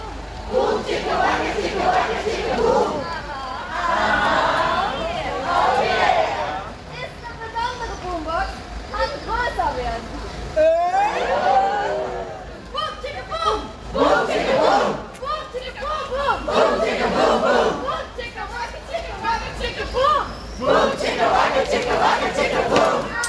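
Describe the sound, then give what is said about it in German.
A large outdoor crowd of protesters shouts and chants together at the first sit-in blockade toward Hochheim, blocking the road in front of police units. Voices rise in loud overlapping waves with cheers and whistles, steady throughout. “Das ist der Sound der ersten Sitzblockade Richtung Hochheim, Zubringer der Auto, der Bundesbahn.”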